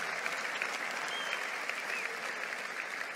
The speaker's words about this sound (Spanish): Vamos, dale un aplauso fuerte a Él.